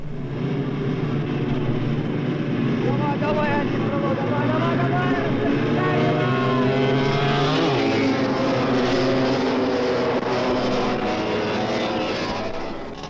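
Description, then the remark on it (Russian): A pack of 350 cc racing engines roars together at the start of a 24-lap race of 3-kilometre laps, their pitches climbing and overlapping as they rev hard and pull away, loud and continuous throughout. “Итак, старт. Впереди 24 круга по 3 километра.”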